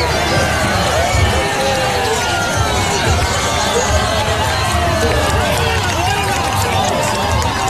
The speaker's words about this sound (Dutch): Ja, dat is fantastisch om te zien. En dat gejuich. Geweldig, hè?